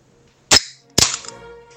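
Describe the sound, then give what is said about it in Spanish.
A beer can being opened: a sharp metallic crack, then a second louder pop about half a second later with a brief fizzing hiss trailing off. No one speaks. “Ah, dice, abrió una lata de cerveza.”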